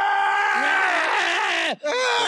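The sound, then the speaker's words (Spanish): A loud human scream from a dungeon holds for over a second with a wavering, sliding pitch, drops off briefly, then bursts back in strained and harsh. “Desde la mazmorra se escucha el grito.”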